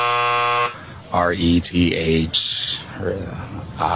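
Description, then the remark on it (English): A harsh, steady quiz buzzer blares for under a second, rich and nasal in tone, then cuts off as a person starts talking. “The buzz is kicking in right now.”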